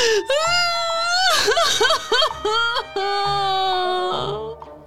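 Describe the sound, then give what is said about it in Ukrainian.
A girl who has lost her puppy whimpers and cries as her mother tries to calm her: drawn-out wavering wails broken by a run of short, hiccuping sobs in the middle, then trailing into a long moaning cry. “Заспокоює її мама, а вона ще дужче рюмсає.”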